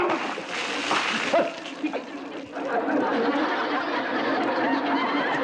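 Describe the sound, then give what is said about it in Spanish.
A loud, sustained splash of water that is no longer needed being thrown out, in the TV show El Chavo del Ocho, with excited voices and a bit of chatter and laughter mixed in. “Perdóneme usted, pero es que, mire, estábamos tratando de tirar el agua que ya no sirve, ¿me entiende?”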